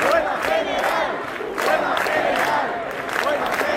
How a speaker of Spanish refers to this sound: Hoy termina el plazo dado por la comunidad y el ayuntamiento para desalojar la Puerta del Sol, que una noche más está abarrotada de gente protestando por la crisis de la vivienda.